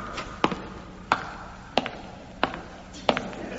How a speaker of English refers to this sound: My footsteps echoed round the church.